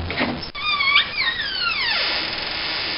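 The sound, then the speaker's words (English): A long, drawn-out wooden creak as a wardrobe door swings open, its pitch wavering and then sliding downward, fairly loud with no voices over it. “I'm just looking at the clock and I'm thinking, I think it's time we went north to Alaska and we opened the wardrobe door.”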